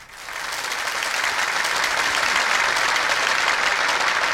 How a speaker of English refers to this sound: have you got a round of applause thing? Yeah, you got a... there's one there. There you go.